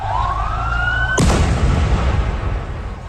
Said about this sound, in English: A series of explosions rocked the capital of Syria this morning.